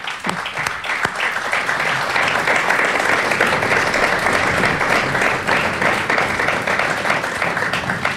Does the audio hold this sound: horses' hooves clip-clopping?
no